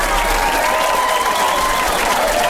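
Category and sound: crowd, studio audience applause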